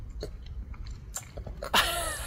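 A one-year-old young animal in Dresden, Germany, eating a fruit ice treat: wet smacking and chewing, a run of irregular sticky clicks and lip smacks, then a louder, longer slurping burst at the end.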